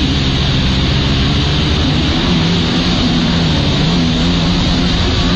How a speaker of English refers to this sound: as you can see, he's on one of these stand-up jet skis, and he kind of tries to maneuver himself so that he's doing this certain kind of trick here.